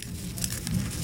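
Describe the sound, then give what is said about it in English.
A monarch butterfly rustling its legs as a biologist weighs it, holding it gently by the abdomen in her lab in White River Junction, Vermont: a faint, dry, scratchy patter of tiny crackles and brief flickers, steady throughout, with no voices. “That's the sound of a monarch butterfly rustling its legs.”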